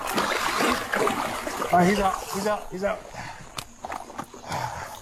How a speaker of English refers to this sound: He's out. Sounds like water. Yeah, got into the pool. Oh, no. Went from the back door straight into the pool.